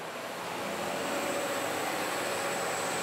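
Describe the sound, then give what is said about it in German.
An SU 42 diesel locomotive rumbles and roars as it pulls away, a dense, loud engine noise with a faint high whine that builds slightly and holds steady, with no voices. “Mit viel Getöse setzt sich die SU 42 in Bewegung.”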